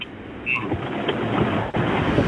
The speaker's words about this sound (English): It sounds like it's pouring. Yeah, I'm just driving home from work. I'm in West Auckland right now.